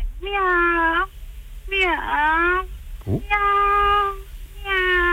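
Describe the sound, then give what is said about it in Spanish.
A person in Castellón imitates a kitten's meowing, producing four drawn-out, whiny meows in a row, clear, with a brief pause between each and a low background rumble. “Venga, maullando bien en Castellón.”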